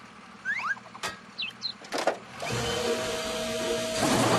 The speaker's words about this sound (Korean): 망치.